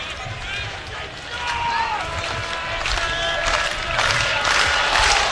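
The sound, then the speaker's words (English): A ballpark crowd cheers in a steady, dense roar during the top of the ninth inning, urging on pitcher Unger against the leadoff batter, with shrill whistles and scattered shouts rising above it, the noise swelling slightly louder toward the end. “This crowd trying to help Unger with the leadoff man here in the top of the ninth inning.”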